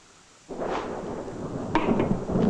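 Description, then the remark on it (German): Thunder from a thunderstorm breaks in suddenly after a moment of quiet, a loud rolling rumble with a few sharper cracks crashing through it as it continues, no voices present. “Schon wieder ein Gewitter.”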